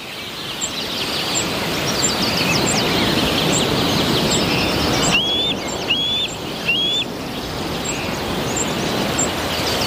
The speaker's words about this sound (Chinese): 这只白头海雕幼鸟大约11周大，还没有离开过巢穴。